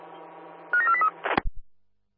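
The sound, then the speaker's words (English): A quick run of short electronic beeps from a machine alarm over a steady low hum, followed by a couple of dull clunks before the sound cuts to silence. “This machine giving us alarm.”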